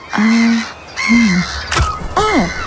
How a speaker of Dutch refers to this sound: Meeuw.